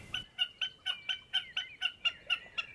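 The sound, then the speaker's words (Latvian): A common snipe calls with a steady series of about a dozen sharp, clipped notes, evenly spaced, with no other sounds around it. “Un lai arī tajā vietā ķikuts varētu dzīvot, tā visticamāk tomēr bija mērkaziņa, kas ir samērā bieži.”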